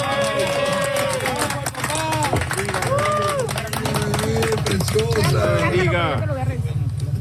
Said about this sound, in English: Applause as rescuers pulled a newborn baby out of the debris a few days ago. Videos show the baby wrapped in a pink blanket, eyes wide open, being handed to what appears to be their father.